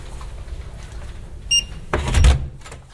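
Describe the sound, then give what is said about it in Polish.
A short electronic beep from a key card lock, then a hotel room door unlatches and swings open with a clunk and a brief rush of noise, in a quiet hotel while other guests sleep. “Drzwi. I karta.”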